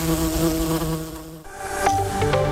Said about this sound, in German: Wusstet ihr schon? Ein Bienenschwarm wird nach deutschem Recht herrenlos, wenn sein Eigentümer die Verfolgung nicht unverzüglich aufnimmt oder aufgibt.